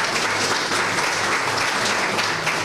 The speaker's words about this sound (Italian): Un applauso merita anche la signora.